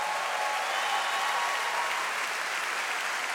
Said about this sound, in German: Es gibt kein passenderes Lied für das Over the Border Festival. Nochmal einen ganz großen Applaus